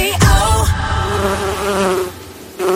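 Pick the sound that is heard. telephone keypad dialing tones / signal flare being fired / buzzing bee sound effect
buzzing bee sound effect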